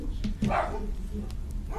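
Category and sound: animal, dog barking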